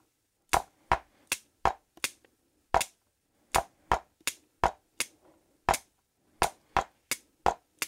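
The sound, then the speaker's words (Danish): Sharp, loud drum strikes played alone with sticks in an uneven, syncopated rhythm, demonstrating syncopation against a steady beat: about sixteen crisp hits in short bursts, with brief pauses that shift some beats off the steady pulse. “For eksempel sådan, der var en lille synkope.”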